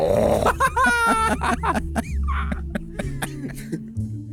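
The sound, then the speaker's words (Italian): A person growls and grunts in imitation of a bear, giving a run of rough, low, throaty bursts with raspy pulses over about four seconds, loud and continuous with no speech. “Non c'è esempio migliore degli orsi. Ah, ecco. Fai l'orso.”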